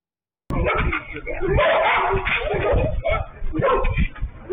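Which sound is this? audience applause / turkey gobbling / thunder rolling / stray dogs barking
stray dogs barking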